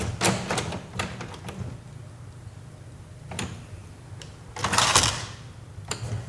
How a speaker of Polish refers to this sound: Otworzyła się szufladka. Chyba troszeczkę wolniej, chociaż nie jestem pewien. O, jak powolutku.